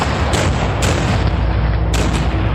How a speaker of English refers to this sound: However, as his brave soldiers are forced to march across a mile of open field, Federal cannon and muskets take their toll.